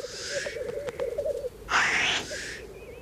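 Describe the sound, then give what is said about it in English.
Black grouse lekking calls: a continuous low bubbling, cooing warble runs throughout, punctuated by harsh hissing sneezes, a softer one at the start and a louder one midway. “Numbers of black grouse have been falling consistently for decades.”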